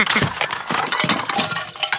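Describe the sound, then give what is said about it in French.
A rapid, loud clatter of books, construction toys and small toy cars knocked over by a duck and tumbling down, with many small bright clinks and knocks piling over one another for about two seconds, and no voices. “Le canard fait tout tomber sur son passage. Les livres. Les jeux de construction. Les petites voitures.”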